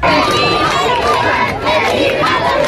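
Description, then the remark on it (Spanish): A large crowd of tourists and faithful in Spain cheers and shouts with joy for Pope Leo XIV as he rides standing in the Popemobile along the main facade of the Royal Palace, a dense, continuous roar of many voices with applause mixed in, loud and sustained throughout. “El momento, gritos de alegría, aplausos, vítores a León XIV, que ha recorrido todo el frontal de la fachada principal de este Palacio Real en el Papamóvil, de pie, saludando a todo el público.”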